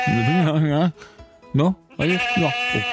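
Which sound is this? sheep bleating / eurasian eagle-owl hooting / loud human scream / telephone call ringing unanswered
sheep bleating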